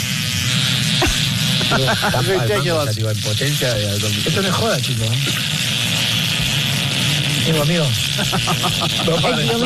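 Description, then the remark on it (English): A single long, continuous buzzing fart lasting about 40 seconds, made by a man standing on a stage, holds a steady low rasp for the whole stretch without stopping, while excited voices talk and exclaim loudly over it, commentating like a soccer match. “Single fart, and his lasted for 40 seconds.”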